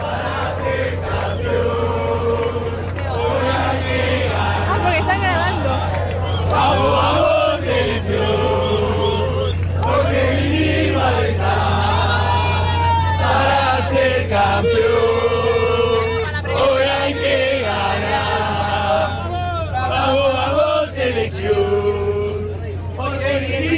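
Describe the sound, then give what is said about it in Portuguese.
A large crowd of Argentina football fans in Dallas chants and sings loudly in unison hours before the Argentina–Austria match, voices rising and falling in rhythmic waves with shouts and cheers, continuous, filling the space for the whole stretch. “A gente vai até mostrar um pouco lá como a torcida argentina já está fazendo barulho horas antes do jogo aqui em Dallas.”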